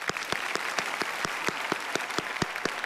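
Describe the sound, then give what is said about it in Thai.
Applause from a small group, the four contestants of a competition clapping for themselves, with sharp claps landing in a steady, even rhythm of roughly four per second over a hiss of background noise. No one speaks. “แต่วันนี้ทั้ง4คนเก่งมากๆปรบมือให้ตัวเองครับ”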